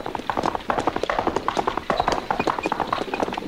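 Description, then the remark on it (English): Horses' hooves clip-clop in a quick, steady rhythm, a dense run of sharp knocks that carries on throughout, moderately loud with no talking. “I hear horses.”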